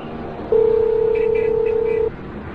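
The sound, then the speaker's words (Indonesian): A steady telephone dial tone hums for about a second and a half over a low background hiss, with faint higher blips during it that may be dialing, as someone calls the police, then cuts off abruptly. “Tunggu sebentar, saya akan telepon polisi.”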